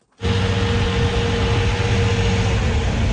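A municipal water truck spraying down city streets and sidewalks in Prague during a heat wave: its heavy engine rumbles steadily, a deep idle mixed with a broad rushing hiss, starting abruptly and holding at a constant loud level with no voices.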